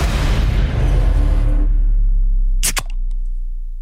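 A soft drink can cracks open with one sharp pop, followed by a few faint clicks over a low steady rumble, after a stretch of broad noisy hiss.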